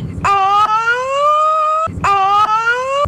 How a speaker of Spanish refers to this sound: ¿Parece ambulancia? Terminó muy raro esta ambulancia. Terminó muy raro.